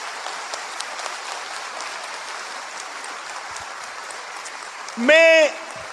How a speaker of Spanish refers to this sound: Desde este lugar saludamos a todos los que nos están siguiendo y nos están viendo. ¡Aplauso para todos!